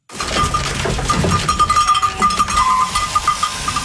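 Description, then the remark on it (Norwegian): A flock of sheep in Viksdalen, Sunnfjord, Norway, bleat over one another in a crowded pen while queueing to be shorn, continuous, with a steady ringing tone like a bell and general clatter in the background. “I Viksdalen i Sunnfjord står sauene i kø for å få klippet av seg ulla.”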